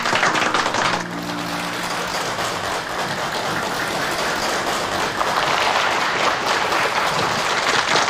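A crowd claps and cheers at the Guangxi Times Youth Song singer contest, welcoming a Zhuang female singer to the stage, in a dense, steady burst of applause that holds at an even, fairly loud level for about eight seconds, with a faint tonal hum at the start.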